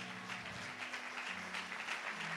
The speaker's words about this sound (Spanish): Así que dése un fuerte aplauso a usted mismo, iglesia.